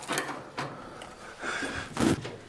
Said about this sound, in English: That door's a little stiff.